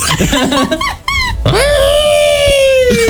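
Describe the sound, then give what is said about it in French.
A voice imitates Chewbacca's growling roar in a quiz bonus-point contest: warbling, yowling cries, a short break, then one long, loud, sustained moaning howl that rises and holds its pitch. “Allez, je donne un point bonus pour vous départager à celui qui imite le mieux Chewbacca.”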